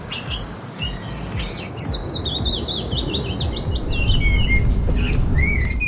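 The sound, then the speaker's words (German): Songs of a blackbird, blackcap and willow warbler overlap in a lively chorus of rapid, high, warbling phrases, continuous throughout, over a steady low rumble of background noise. “Und ganz vorne mit dabei Amsel, Mönchsgrasmücke und der Fietes. Die klingen so.”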